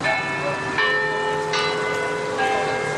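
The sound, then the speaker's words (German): Carillon bells ring out from the tower of Copenhagen City Hall in Denmark, several chimes struck in succession with long, shimmering overtones that overlap and hang in the air, moderately loud with a faint hum of surroundings beneath. “Das Glockenspiel im Turm des Kopenhagener Rathauses.”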